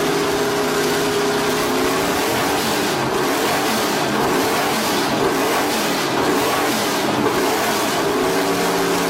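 A car engine revs loudly and steadily, its deep throaty roar rising and falling in pitch over several seconds, with no voices present.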